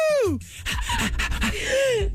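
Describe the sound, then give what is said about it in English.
A woman's voice, trying to do the melody of a song, imitates a dog, letting out a falling howl, then a run of quick breathy pants, then another rising-and-falling howl, loud. “I was trying to do the melody of the song, and I think me using the dog's hairbrush this morning is bringing out a dog in me.”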